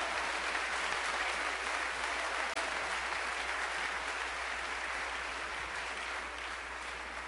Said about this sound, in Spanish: Alábalo, dale un aplauso a Cristo, aleluya.